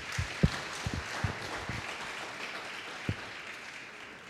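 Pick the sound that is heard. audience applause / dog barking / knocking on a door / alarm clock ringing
audience applause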